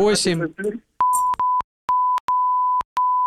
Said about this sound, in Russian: Запикаем, вы не волнуйтесь, никто кроме нас не услышит, можете да. Диктовать, мы запикаем.